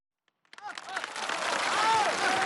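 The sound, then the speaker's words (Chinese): Audience applause bursts in after a brief silence and swells into steady, dense clapping, with a few voices and cheers rising through the crowd noise. “亲爱的观众朋友们， 谢谢您的掌声。”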